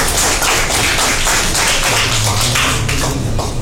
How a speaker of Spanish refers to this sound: Radio La Voz del Santuario expresa su agradecimiento por la participación como auspiciante de la Farra Colegial Graduación 2026 a Casa Útil, por el apoyo al desarrollo del programa y a soporte al conocimiento académico. Aplausos, por favor.